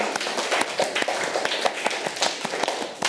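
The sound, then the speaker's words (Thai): A group of students applauds themselves during a lesson, with many overlapping claps forming a dense, steady patter that stays fairly loud for the whole stretch, with no voices over it. “เก่งมากค่ะอัดปรบมือให้ตัวเองค่ะ”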